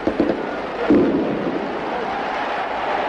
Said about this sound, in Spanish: El entusiasmo de los hinchas de Bantino se desborda. Las tracas, como en los festejos falleros, hacen sonar sus petardos.